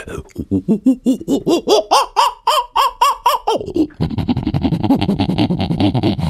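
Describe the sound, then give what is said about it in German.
A person imitates a prosimian's call: a quick series of rhythmic whooping yelps climbing in pitch, then a loud, harsh, raspy chattering that runs to the end. “Kannst du einen Halbaffen nachmachen?”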